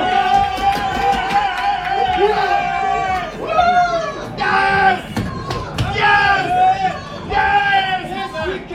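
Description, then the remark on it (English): Moroccan reporters cheer and chant loudly together in the enclosed press box of Gillette Stadium after a 1-0 match, voices rising in rhythmic, sustained shouts with bursts of excited yelling and clapping throughout. “took the following video of Moroccan reporters cheering in Gillette Stadium's enclosed press box after yesterday's 1-0 win over Morocco.”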